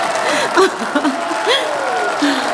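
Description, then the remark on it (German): An audience applauds a performance by a group of girls in a steady, dense clatter for the whole stretch, with scattered voices calling and exclaiming over the clapping. “Genieß den Erfolg, Anne. Es ist dein Applaus.”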